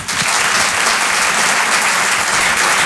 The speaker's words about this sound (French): Je vous demande de l'encourager très très fort. Je vous demande d'applaudir